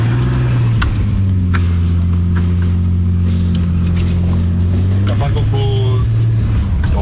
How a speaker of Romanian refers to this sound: Asta e mașină. A? Asta e mașină, frate.